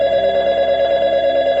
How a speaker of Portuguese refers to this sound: Quando o telefone tocava,